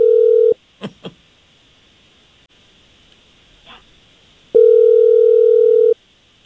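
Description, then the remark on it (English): A phone call placed live on the radio during the Jesse James Morning Show: a steady, mid-pitched ringing tone cuts off, two short sharp sounds pop up in the quiet gap, then a second long, loud ring follows. No one speaks. “All right, we'll give Casey a call, and I just need you quiet on the line while we do that.”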